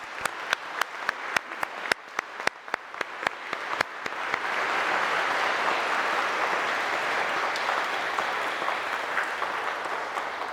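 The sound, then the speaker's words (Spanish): Scattered individual claps quickly build into sustained, dense crowd applause for the Virgin Mary during an afternoon religious procession through the streets of Ostetepaquillo, holding steady and loud for several seconds, with no talking over it. “Un fuerte aplauso a la Santísima Virgen María.”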